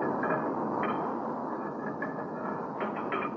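A heavy metal cover scrapes and clanks shut over a charging hole, several short metallic knocks and rattles sitting on top of a loud, steady furnace roar.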